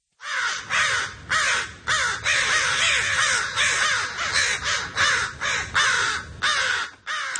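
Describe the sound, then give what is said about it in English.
An American crow, a bird found in Southern Quebec, caws repeatedly in a steady series of loud, harsh calls, clear, with a faint outdoor hum underneath and no talking. “Now, overwhelmingly, people on the text line say it is the American crow or crow.”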